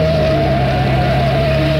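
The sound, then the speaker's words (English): A car engine drones loudly, a steady, rumbling hum with a slight wavering pitch throughout, as the car chases Dale's car to cut in front of it, with no voices over it. “I'll cut in front of her car.”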